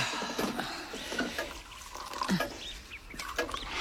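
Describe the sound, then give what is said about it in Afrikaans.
Apple juice is poured into a glass, a steady splashing trickle with small gurgles lasting a few seconds, moderately quiet and with no voices. “Kom sit nou eers, ek skink vir ons appelsap.”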